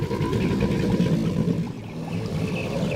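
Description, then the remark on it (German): A male alligator, about 4 metres long, gives its mating bellow over water: a deep, throbbing rumble produced in its lungs that rolls on steadily and loudly from start to finish, with no voices over it. “Die eigenartigen Paarungslaute der männlichen Alligatoren sollen Weibchen anlocken und Konkurrenten auf Distanz halten.”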